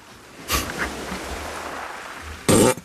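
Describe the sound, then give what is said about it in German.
A fart sounds twice, first a short, quieter puff, then after a pause a louder, longer raspy blast. No one speaks. “hat schon wieder gefurzt.”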